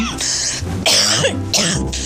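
A person coughs and clears their throat in three harsh, raspy bursts, loud and fairly continuous with only brief gaps between them.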